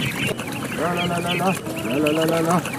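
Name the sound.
ducklings peeping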